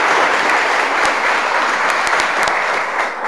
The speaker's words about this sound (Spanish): Y de forma especial, hoy que es el cambio de mando, agradezco muchísimo a Rumipamba de Espinosas, los priostes mayores del año 2025. Y les damos un aplauso a los priostes también del año pasado.